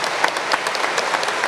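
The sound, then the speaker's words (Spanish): An audience applauds steadily, many hands clapping at once in a dense, even wash of sound with no voices heard. “Aplauso para ustedes.”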